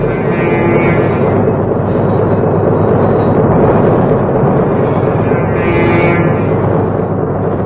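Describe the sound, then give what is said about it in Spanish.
A train pulls away, leaving its last wagon behind: a loud, continuous low rumble with a steady droning, horn-like tone and faint rhythmic pulsing running through its entire length, with no voices. “el ferrocarril empieza a alejarse del sitio donde queda abandonado el último vagón.”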